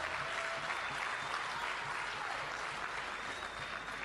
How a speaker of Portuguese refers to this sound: a presença do camarada presidente honorário do nosso partido, camarada presidente Joaquim Alberto Chissano, hoje com sapatilhas muito bonitas da juventude. Está mesmo a juventude hoje, mas uma salva de palmas.